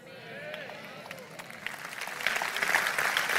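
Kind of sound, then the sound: crowd, audience applauding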